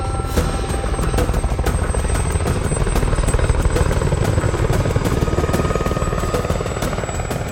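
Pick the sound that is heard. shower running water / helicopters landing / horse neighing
helicopters landing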